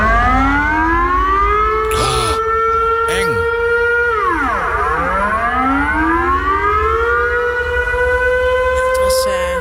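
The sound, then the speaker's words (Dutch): A civil defense warning siren wails loudly and continuously, its pitch rising and falling in long sweeps with overlapping tones, as if several sirens sound together, in the Rijnmond region and eastern Brabant, Netherlands, on Remembrance Day, set off by human error when someone forgot to switch it off. “De bedoeling dat die sirenes ook echt afgaan op dodenherdenking.”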